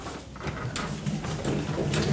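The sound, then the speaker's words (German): A door is pulled open, a steady scraping, rustling mechanical noise lasting a couple of seconds with a few brief squeaky accents and no voices. “Ja, mach mal auf.”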